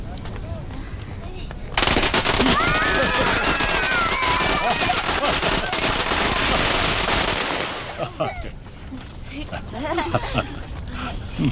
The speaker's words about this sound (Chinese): 你们在这儿玩什么呢？ 我们在放鞭炮， 放鞭炮。 好，我来点好不好？